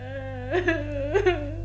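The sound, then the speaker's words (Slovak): A young woman playing the weeping princess Sidónia in a fairy-tale play whimpers and cries, her voice wavering and rising in two tearful swells over a low steady hum, moderately loud. “No a z toho plaču ju chce vyliečiť a jej ruku si tým zaslúžiť princ Wendel.”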